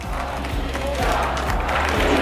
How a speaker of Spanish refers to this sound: Y queríamos acordarnos de ella, así que un fuerte aplauso para María, que está viéndonos desde arriba.